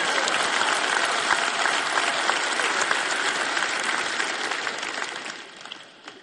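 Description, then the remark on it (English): A large conference audience claps and cheers steadily and loudly, a dense wash of applause that holds for several seconds before thinning out and fading at the end. “And this, you clap, you cheer, it's great.”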